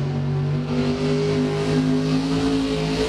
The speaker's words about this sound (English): Truck and tractor pulls.